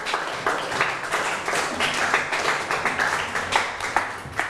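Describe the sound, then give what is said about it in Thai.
A class of children applauding a classmate for a correct answer, a steady patter of many overlapping hand claps with sharper individual claps standing out, continuing throughout at a fairly even level with no one talking. “วัดพระปฐมเจดีย์ถูกไหมครับ ถ ูกต้องปรบมือให้เพื่อนหน่อยครับ”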